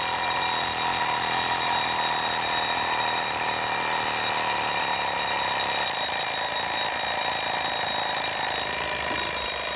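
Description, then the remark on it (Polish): An alarm clock rings steadily and continuously, a dense bright metallic ringing that swells slowly in intensity over the whole stretch, with no voices present; the alarm is designed to wake sleepers gradually rather than suddenly. “Narasta, właśnie o to chodziło w tym budziku, żeby nas nie budził tak gwałtownie, żebyśmy się nie wystraszyli rano, jak musimy wstać, tylko żeby powoli, powoli się wybudzać i ten dźwięk powolutku, powolutku narasta, aż w końcu zaraz zadzwoni nam.”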